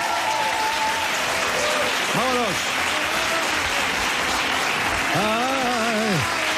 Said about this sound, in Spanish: Pero se han aplaudido ahora, ¿qué quieres tú también? Poco me ha parecido.